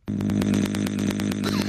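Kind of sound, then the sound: vocal imitation, voice imitating a chainsaw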